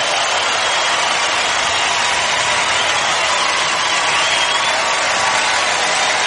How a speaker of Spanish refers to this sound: fuerte aplauso a tu rey.